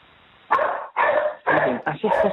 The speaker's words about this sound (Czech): psi na dvoře.